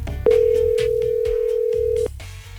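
A phone line rings out on an outgoing call: one steady, unbroken ringback tone lasting about two seconds, fairly loud, over a low murmur of background noise.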